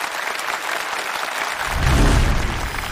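An audience applauds in a dense, steady wash of clapping that runs the whole time, swelling louder with a deeper rumble partway through.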